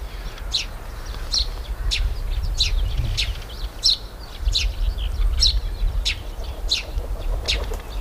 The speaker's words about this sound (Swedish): Hörde man vingljuden från en duva som landade, en ringduva. Och så är det pilfink som kilpar.